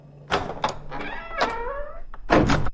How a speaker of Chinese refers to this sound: 他慢慢推开门